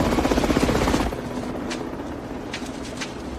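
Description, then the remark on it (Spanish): A helicopter approaching a broken window, its rotor thumping in a fast, steady pulse, loud for the first second, then dropping to a lower, continuous drone with a few brief high chirps over it. “Un helicóptero se acerca a la ventana rota.”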